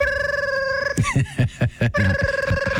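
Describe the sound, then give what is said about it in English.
A novelty telephone shaped like a Cleveland Browns football rings with a steady electronic warble, its tone interrupted midway by a burst of rapid, choppy pulses before the ring resumes, fairly loud with no talking. “what was that, like one of those Sports Illustrated giveaway phones from the 1980s?”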